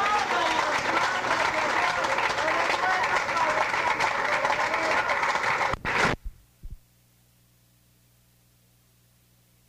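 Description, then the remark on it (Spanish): A church crowd claps loudly and steadily for about six seconds in praise of the Lord, dense and sustained, then the applause cuts off abruptly into a few faint thumps and near silence. “¡Fuerte aplauso a nuestro rey, hermanos!”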